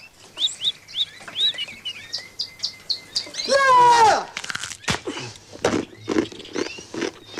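Birds chirp in a quick run of short, high tweets, then one louder swooping call rings out, followed by scattered sharp clicks and taps with more faint chirps.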